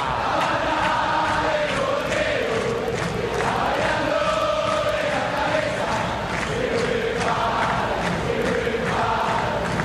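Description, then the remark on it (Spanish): A crowd of Boca fans in a football stadium roars and chants continuously, a dense wall of shouting voices with rising melodic chant lines, loud and sustained throughout with no break. “Busca Tijanovic, la tiene Tijanovic, mete el centro a las manos del arquero y escucha, escucha, escucha a la gente de Boca.”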